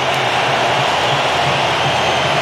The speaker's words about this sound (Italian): Allora tempestivo questo collegamento, perché è il momento di Neymar che va a prendere il posto di Cunha, che lo abbraccia sorridente, autore del terzo gol, è entrato Neymar e questo è il boato dello stadio di Miami.